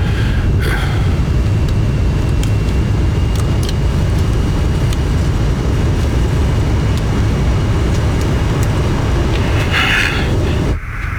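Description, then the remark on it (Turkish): Steady, loud low-frequency engine roar inside an airplane cabin in flight, with crew and passengers aboard, and a few faint clicks and brief hisses on top before it cuts off abruptly at the end. “Mürettebat ve yolcular şu anda uçakta.”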